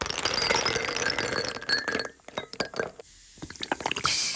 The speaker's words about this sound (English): Paul texting in saying the sound of someone else pouring a fizzy drink into a glass of ice makes me irrationally mad. I hate it. How do you like this, Paul?